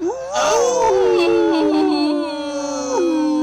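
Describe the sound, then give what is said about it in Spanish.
A voice imitates several dogs howling at once, with long, wavering, sliding howls that overlap and sustain loudly through the whole stretch. “Cuando vas de regreso, empiezan los perros.”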